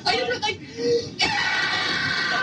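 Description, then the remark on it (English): A young girl screams loudly and shrilly on an old tape recording, with a short outburst, a brief pause, then a long sustained shriek that carries to the end, sounding slightly muffled. “That's me screaming.”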